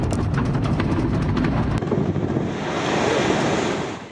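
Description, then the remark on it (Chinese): A demolition blast on the old dam of the Fengman hydropower station: a loud, sustained roar with crackling bursts for the first couple of seconds, settling into a steady rushing rumble like pouring water and debris. No voices. “随着爆炸声响起，老丰满水电站的大坝退出历史舞台。”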